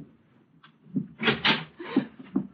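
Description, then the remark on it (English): A door, probably to a bedroom, in a pitch-dark place is pulled open with a short series of creaky, scraping wooden rubs, moderately loud and uneven, with no one speaking. “Open the door.”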